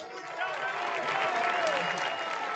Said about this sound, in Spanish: Así que un aplauso, por favor, para todos, que son los putos amos.